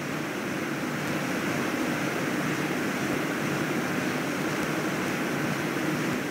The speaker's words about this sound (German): Mal probieren, wie das Wasser schmeckt. Eine Erfrischung direkt vom Wasserfall und sogar im Fahrtpreis enthalten.